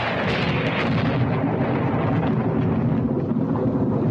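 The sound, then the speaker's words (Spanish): A continuous, heavy low rumble of thunder fills the whole stretch, loud and broad with rolling crackle on top and no one speaking. “los truenos, ¿verdad que no?”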